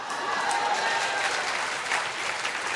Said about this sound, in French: Là, les applaudissements se font un peu moins retentissants.